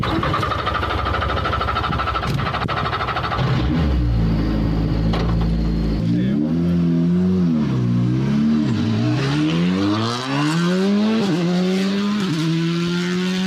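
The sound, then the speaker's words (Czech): A Škoda Fabia RS Rally 2 rally car's engine roars loudly, revving hard and climbing through the gears in repeated rising sweeps, with brief dips between shifts as it accelerates at speed on a test run, reaching a top speed of 187. “Je to Fabia RS Rally 2, nejnovější auto od Škodovky, vyhrává to závody mistrovství světa, rozhodně jedno z nejlepších auto na světě ve své třídě.”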